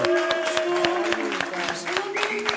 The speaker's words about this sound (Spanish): ¡Un aplauso para esa historia!